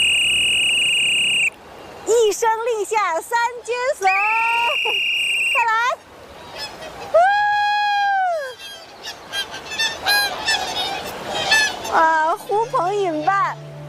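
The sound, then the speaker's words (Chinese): A flock of swans honks loudly and repeatedly as they gather at their keeper's call, their nasal, trumpeting calls overlapping in an irregular chorus, with some long drawn-out notes among shorter bursts, with no talking. “来，咱吹吹，让他们过来好不好？”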